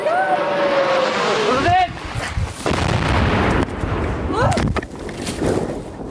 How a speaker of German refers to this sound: Während sie spricht, schießt die Flugabwehr russische Drohnen ab. Die Geräusche scheinen weit weg zu sein. Dann kommt ein zischendes Motorengeräusch immer näher.